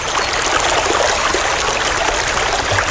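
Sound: flowing river water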